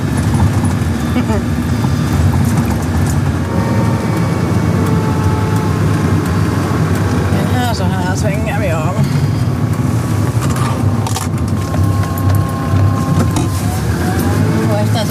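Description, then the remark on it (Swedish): Steady, loud low engine rumble and road noise from inside a moving Land Rover Defender on a road into the forest, continuous throughout, with a person talking over it. “Det är nu ett svepskäl egentligen, man kommer nog upp med en Toyota Yaris också här, men det är kivogare att köra med en Land Rover Defender.”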